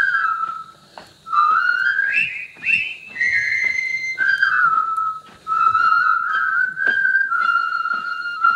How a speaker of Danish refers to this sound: Det her, det er blandt andet lyden af min barndom. Mm. Det er fløjte... scenen fra floden, eller broen over floden Kwai, som er en gammel film fra 57 med Alec Guinness i hovedrollen